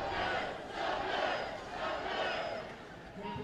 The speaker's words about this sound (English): A little sing-along time for the crowd here at Rio Grande Credit Union Field.